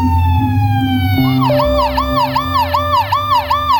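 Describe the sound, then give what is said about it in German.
Police car sirens blare loudly after a robbery at an ice cream parlour by the Thames, first a steady high tone, then a rapid repeating yelp that rises and falls about twice a second, over a low rumbling engine. “Schon nach kurzer Zeit hört man die Sirenen der Polizei.”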